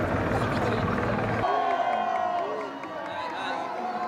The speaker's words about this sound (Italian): Poi le celebrazioni che si spostano su 4 ruote, direzione finale Piazza del Municipio, un palco e sotto ancora una folla oceanica per il momento clou.